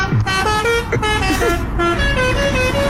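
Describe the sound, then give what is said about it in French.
A loud car horn blares again and again in a run of shifting tones, sounding almost like a tune, over a steady rumble of traffic. “Utiliser un avertisseur sonore de manière intempestive ou les klaxons interdits.”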